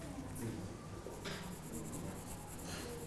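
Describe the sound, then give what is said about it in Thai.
Pencil shading on paper during an art lesson: a steady, scratchy rasp of graphite strokes rubbing back and forth, continuous for a few seconds with a couple of brighter swipes, fairly quiet and with no one talking. “ถ้าเรายิ่งค่อยๆขยับมือขึ้นเรื่อยๆนะครับน้ำหนักเราก็จะเบาแต่ถ้าเรากดลงนะครับมันก็จะเข้มนะครับฝากคุณครูปลายทางด้วยนะครับดูนักเรียนปลายทางให้ระบายน้ำหนักหรือว่าแรงเงาให้ถูกต้องด้วยนะครับ”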